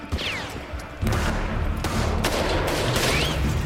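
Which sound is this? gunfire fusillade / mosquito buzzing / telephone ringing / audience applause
gunfire fusillade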